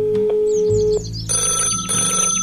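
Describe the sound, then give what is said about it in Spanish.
An electronic phone ring sounds twice in quick succession as a call is placed from a cell phone, bright repeated tones over a steady hum, loud with no one talking. “¿Qué tal si llamamos a la profe Aura y le pedimos ayuda?”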